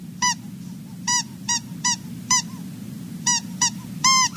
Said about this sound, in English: Oh, and I brought home a special gift just for you. Look, it's a squeaky mouse. Go ahead and play with it.